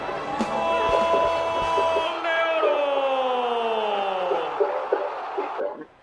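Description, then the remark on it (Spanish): A stadium crowd at Barrio San Martín roars and applauds as the match between Atlético Paraná and Atlético Neuquén ends in a 1–1 draw, the dense cheering carrying a sustained, slowly falling tonal drone over steady noise for about six seconds before it fades. “Y el aplauso que termina marcando la pauta de un encuentro tremendo, de un gran nivel futbolístico.”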